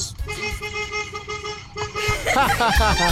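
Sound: car horn honking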